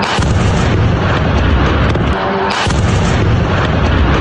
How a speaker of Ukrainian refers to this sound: Серія вибухів в Ростові. Після удару в мережі з'являються численні кадри пожежі.